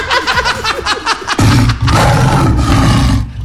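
A lion roars loudly, opening with a series of rhythmic grunting pulses before breaking into a long, deep, rumbling roar that sustains to the end.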